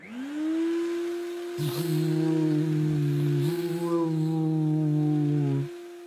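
A Hoover vacuum cleaner motor whirs up to speed as it is switched on and settles into a loud, steady droning whine, with a couple of brief clunks partway through before it cuts off.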